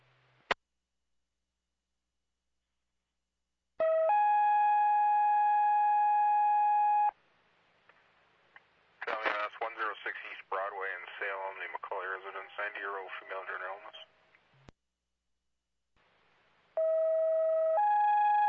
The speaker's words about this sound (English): Firecar 6, in reference to MFD Chief Joe Dugan, if you could activate MFD fire tones at this time and give Chief Dugan his last call, please.